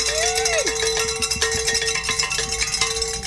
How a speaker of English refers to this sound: Oh, we met our goal. Grab some bells. Yeah, we did.